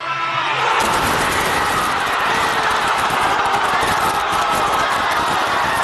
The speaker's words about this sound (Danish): Og vi kan lige høre, hvor meget jubel finalepladsen udløste i den argentinske hovedstad Buenos Aires.